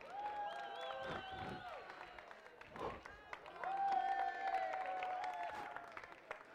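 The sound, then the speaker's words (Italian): An audience claps steadily for several seconds during a performer's broom trick, with cheering voices and long, sustained whistle-like tones rising over the crowd noise. “Applaudite prima che cada.”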